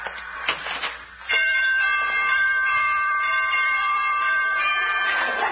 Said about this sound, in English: Must have borrowed those door chimes from Carmen Miranda.